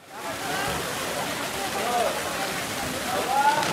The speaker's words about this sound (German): Aus einem dicken Rohr schießt Wasser in das Becken, Jugendliche springen hinein.